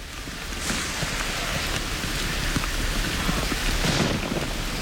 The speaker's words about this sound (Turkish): Biraz önce çalıştığımız dağlara doğru devasa bir yağmur bulutu geldiği söylendi. Sağanak yağmur yağma şansı çok yüksek. Yağmur her şekilde zorlayıcıdır. Ama özellikle bu dağlarda sağanak yağmur bir anda kabusa dönüşebilir.